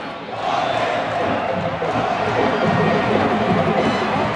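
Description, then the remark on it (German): About 20,000 people in a sold-out stadium at a wrestling event in Senegal roar steadily for several seconds, a dense, loud wash of massed singing and chanting voices with clapping and drumming blended into the din. “Sie singen, klatschen, trommeln.”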